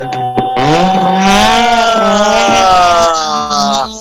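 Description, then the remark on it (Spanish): A race car engine roars loudly as the car arrives, its pitch climbing steadily as it speeds in, holding a strong, continuous whine for several seconds. “Ahí tenemos coche, coche, coche, coche.”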